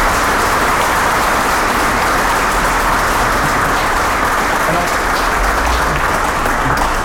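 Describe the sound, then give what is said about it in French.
An audience applauds steadily for several seconds for a waste-sorting worker at the site, a dense, even wash of many hands clapping at a loud, constant level with no voices standing out. “Voilà, je veux bien que vous l'applaudissiez.”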